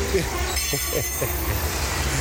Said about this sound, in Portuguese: Ele tá indo bem em direção do trem, ele tá indo na direção do trem e o trem tá passando na curva de nível lá.